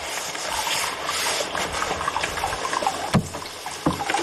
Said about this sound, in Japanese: ちょっと入ってみようか。せっかくですから。このね、お湯が出てる音しますよね。さあ、すげえな、足湯やって。